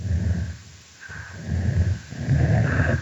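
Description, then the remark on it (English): An adult female snapping turtle chuffs in low, breathy bursts, broken up by a deeper rumbling growl call that swells toward the end, fairly loud with no talking. “Here we hear an adult female snapping turtle engaging in a chuffing vocalization, and it's punctuated by a different call type, which we call a growl.”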